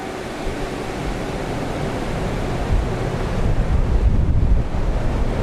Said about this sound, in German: In so einem Windkanal ist ein riesiger Ventilator angebracht, der bis zur Decke reicht und Luft ansaugt.